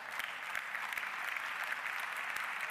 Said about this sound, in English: Even golf claps are acceptable in the afternoon.